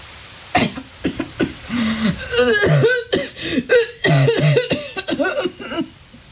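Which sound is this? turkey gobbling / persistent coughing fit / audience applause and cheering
persistent coughing fit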